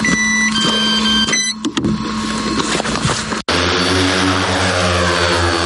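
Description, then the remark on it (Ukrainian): A heavy bomber drone's propellers drone loudly and continuously, a buzzing, harmonic whine that shifts abruptly midway to a steadier, deeper hum, as it delivers provisions to forward infantry positions. No one speaks. “Далі посилки отримують пілоти важких бомберів, і вже дронами вони доставляють провізію до передових позицій сталевої піхоти 24-ки.”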